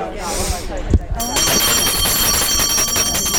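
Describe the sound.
Voices murmur briefly, then a shrill electric bell starts ringing continuously, a loud, steady high-pitched metallic trill that carries on unbroken to the end.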